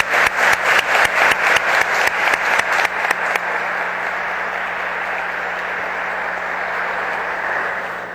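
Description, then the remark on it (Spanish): An audience at the 39th University Book Fair in Manila applauds a doctor after his lecture, starting with a few seconds of sharp, evenly spaced claps that quickly blend into a steady, sustained wash of clapping lasting until the end. “Yo quiero que le brindemos un fuerte aplauso al doctor”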